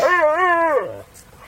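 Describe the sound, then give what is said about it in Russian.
A dog that has just come up gives a single drawn-out vocalization, a wavering, whining bark lasting under a second before sliding down and fading, loud, with no talking around it. “Ой, Черныш пришел! Черныш, Черныш, ко мне! Хорошая собачка, хорошая!”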